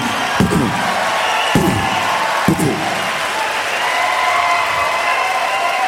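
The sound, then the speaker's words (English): A crowd applauds and cheers in a steady, dense wash of clapping, with a few sharp, loud bursts punctuating the first half before the noise settles into an even roar. “What a crowd, what a crowd.”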